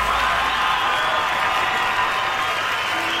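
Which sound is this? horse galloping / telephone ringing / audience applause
audience applause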